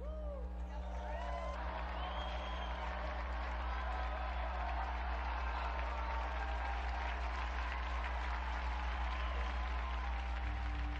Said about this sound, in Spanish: Unidos pues a este lugar santo y a cuantos hacen un esfuerzo por renovar todo en Cristo, que fue su lema, brindemos nuestro vivo aplauso a San Pío X.